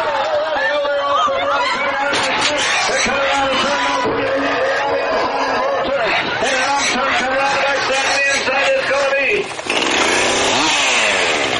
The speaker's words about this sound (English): I look at the chainsaw carving mainly as a sketching tool more than anything.